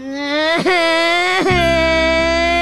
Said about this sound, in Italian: Che cazzo stai piangendo? Piange!